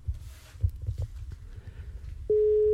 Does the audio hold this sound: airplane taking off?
no